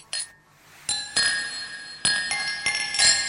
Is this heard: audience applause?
no